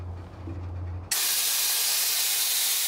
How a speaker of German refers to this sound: lässt Luft aus den Bremsen. So kann der Güterzug nicht wegrollen. Der Zug bleibt hier, bis ein Wagenmeister ihn freigibt und er auf Strecke gehen kann.